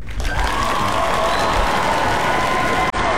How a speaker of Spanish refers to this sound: y aquí en Radio Disney, pues mira, este aplauso es una ovación de pie para ustedes.